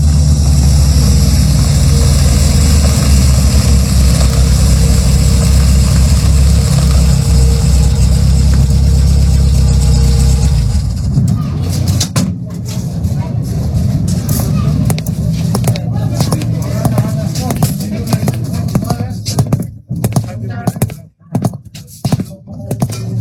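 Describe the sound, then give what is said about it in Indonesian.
In the evening, car engines rumble steadily as a convoy of vehicles pulls up, then give way to a busy jumble of footsteps, door thuds and murmuring crowd commotion, with voices chattering indistinctly in the background. “Suara rombongan mobil datang, disertai dengan tapak kaki dan suara riuh.”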